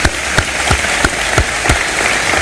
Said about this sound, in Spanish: Fiesta por todo el país, muchos españoles están hoy de resaca, acabamos de escuchar los sonidos de las celebraciones, el lado positivo de la victoria en el Mundial